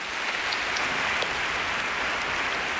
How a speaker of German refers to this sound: Und zwar dem Knabenchor aus Hannover. Und ich bitte um einen herzlichen Applaus.